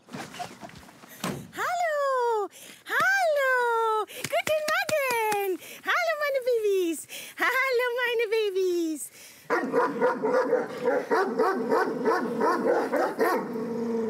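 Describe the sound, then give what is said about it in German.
Kangal puppies, nearly 10 weeks old, bark and yip at a stable in a burst of loud, high-pitched yelps, one after another, before the sound thickens into a busy, overlapping chorus of excited yapping. “Strenges Durchgreifen, aber auch viel Zuwendung sind wichtig im Umgang mit Kangals.”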